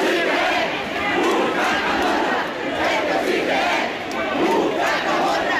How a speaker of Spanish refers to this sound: A las 6 de la tarde, desde las Arrodeas, bajó el Cascamorras hacia el centro de la ciudad bastetana, rodeado, coreado y vitoreado por miles de personas y, por supuesto, también manchado de pintura negra.